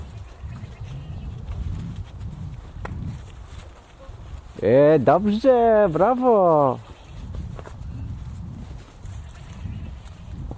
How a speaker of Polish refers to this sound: Co to? Koza? Ale dziwnie. Albo owca.